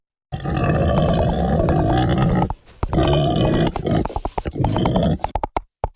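A short comic "Schweinsgalopp" jingle of pig grunts and snorts layered over a galloping rhythm of hoofbeats, loud, ending in a few quick clip-clop hits before cutting off.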